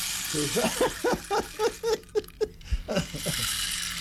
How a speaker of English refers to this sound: This is the rain stick. He's pouring now.